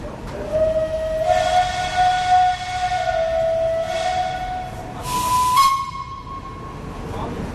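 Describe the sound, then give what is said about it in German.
A historic train departs Zurich main station, with a steam locomotive at the front, historic carriages in between and a green Crocodile locomotive at the rear. Its whistle sounds long steady tones while sharp bursts of hissing steam cut in over a constant low rumble. “Der Zug fährt ab.”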